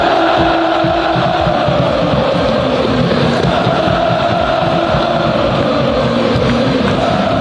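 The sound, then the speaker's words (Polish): Wisła Kraków fans roar and cheer after the final whistle at the stadium on Reymonta Street in Kraków, celebrating promotion to the Ekstraklasa after a 2-0 win over Chrobry Głogów: a dense, steady wash of voices, loud and unbroken, with occasional sharper shouts rising above the din. “Po ostatnim gwizdku na stadionie przy ulicy Reymonta ruszyła wielka feta.”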